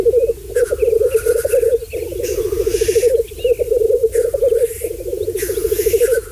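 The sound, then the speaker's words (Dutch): Black grouse mating display at a lek: a continuous low, bubbling, dove-like cooing chorus, broken every second or so by harsh hissing sneezes. No voices, just the steady rolling display calls. “De vogel is wereldberoemd vanwege zijn uitbundige paringsdans. Die klinkt trouwens zo.”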